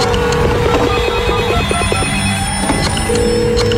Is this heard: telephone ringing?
yes